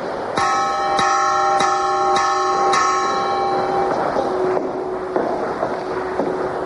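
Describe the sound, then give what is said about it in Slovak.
A church bell made in Prešov in the second half of the 17th century rings in steady strikes about every half second, each with bright, shimmering overtones that hum and fade, the later strokes softer. “Zvon z druhej polovice 17. storočia vyrobený v Prešove.”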